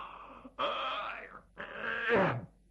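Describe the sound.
A male storyteller imitates a drawn-out yawn, a couple of long, groaning exhalations that stretch and sag in pitch, moderately loud, with no words spoken, voicing the character Du Lisan pretending to yawn as he walks in rubbing his eyelids.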